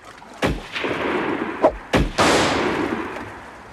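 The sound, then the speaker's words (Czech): Several loud gunshots are fired at a Huron Indian on the shore after an arrow is shot, about four sharp cracks in all at irregular intervals, each followed by a rumbling, booming tail that hangs in the air between shots. No one speaks. “Pozor, šíp! Málem nás zasáhl. Střílejte!”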